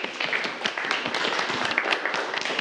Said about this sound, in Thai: ถูกต้องครับนักเรียนปรบมือเพื่อนเลยครับ